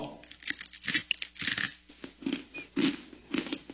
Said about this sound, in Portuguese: Crocante, né? É crunch